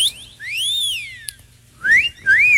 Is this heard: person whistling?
yes